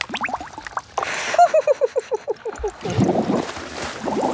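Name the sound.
bubbles blown in water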